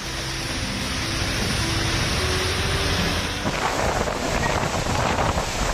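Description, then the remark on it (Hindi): Strong monsoon wind roars steadily while heavy rain pours down in Kolkata, India, amid lightning and daytime darkness; a dense, loud hiss that thickens and brightens after a few seconds. Low rumbling gusts run underneath, with no voices. “ये तस्वीर कोलकाता से आई है जहां दिन में ही अंधेरा छा गया, जोरदार हवाएं चलने लगी और फिर बिजली कड़कने के साथ झमाझम बारिश देखने को मिली।”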